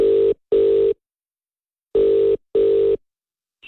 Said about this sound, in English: I've got his number punched in now and we'll ask if he's doing okay. That's if he answers the phone.